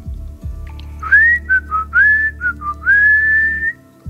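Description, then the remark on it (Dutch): A person whistles a short, lively tune of rising and gliding notes, fairly loud, over a low steady background hum, with no talking. “Zet zo eens fluitend het weerbericht in.”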